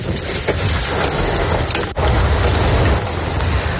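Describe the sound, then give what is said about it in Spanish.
Hail pelts down in Macael, in the north of Almería province, Spain, in a dense, continuous clatter, a loud, steady rush of hard impacts on surfaces with no voices, broken only by a brief dip near the middle. “En el norte de la provincia de Almería así sonaba el granizo en la localidad de Macael.”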